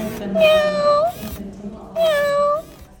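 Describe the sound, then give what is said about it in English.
A robotic cat meows twice, each a drawn-out, tonal, slightly electronic mew with a rising-then-falling pitch, separated by a short pause and heard clearly. “That was a pretty good meow, I'd say, for a robotic cat.”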